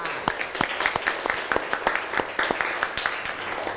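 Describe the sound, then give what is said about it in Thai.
A group of students in class applauding their classmates who presented their worksheets, with many overlapping sharp claps forming a dense, steady patter that holds at an even loudness throughout, with no talking over it. “คุณครูขอขอบคุณตัวแทนนักเรียนทุกๆคนที่ได้นำเสนอใบงานค่ะด้วยการให้เพื่อนๆปรบมือให้ทุกคนด้วยค่ะ”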